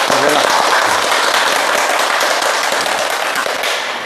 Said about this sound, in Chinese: 今天呢，我们非常高兴的邀请到了国家语委咨询委员、中国传媒大学的姚喜双教授，我们掌声欢迎。